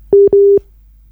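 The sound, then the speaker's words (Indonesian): Two steady, fairly loud electronic beeps from a telephone line, a short one then a longer one in quick succession, sounding the tone of a disconnected call as a caller's phone connection is cut off, followed by silence. “Baik, terputus kita ya untuk jaringan telepon ini ya”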